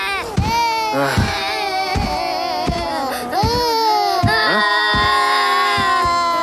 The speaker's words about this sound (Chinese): 啊？怎么有小孩的哭声？还哭个不停，吵得我没办法午睡。